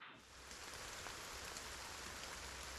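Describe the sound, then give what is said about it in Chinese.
Steady rain pours down, a continuous dense hiss of drops hitting surfaces, even in loudness throughout, with no voices. “因为下雨，原定的外放活动取消了。”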